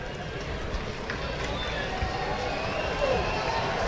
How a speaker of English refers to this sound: A crowd that has stuck around making some noise. Quite a few Royals fans. I think that's the Isaac Collins contingent down the left field line.